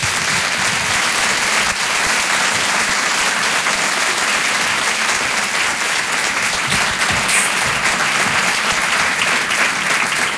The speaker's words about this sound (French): Tout le monde d'applaudir, s'il vous plaît, Marina Rollman.